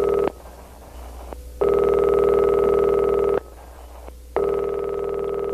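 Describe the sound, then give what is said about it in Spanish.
An old-fashioned telephone ringing tone, from Marcelo Bielsa's old phone calling Facundo Torres, sounds in two long, steady electronic bursts separated by a short pause, loud with no voices. “¿Qué teléfono viejo que tiene Bielsa?”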